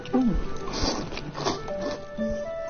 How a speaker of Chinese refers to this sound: 哎，对， 大家都是在吸溜面的声音。